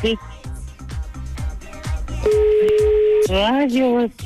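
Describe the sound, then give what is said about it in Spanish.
A loud, steady telephone tone sounds for about a second after a call cuts off, with voices talking before it and resuming right after it stops. “Oye, colgó”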